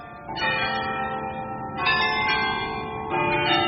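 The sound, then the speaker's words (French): A loud peal of many church bells in Bruges ringing at once for the return of the procession to the Chapel of the Holy Blood, their overlapping tones sustaining into a dense metallic wash, with fresh strikes swelling in every second or so. “Et dans le silence, arriva un bruit de cloches, toutes les cloches à la fois, qui se remirent à tinter pour la rentrée de la procession à la chapelle du Saint-Sang.”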